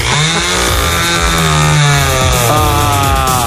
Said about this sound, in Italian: Accesa, la motosega pure lei, sì, l'ha accesa, sì, pure lei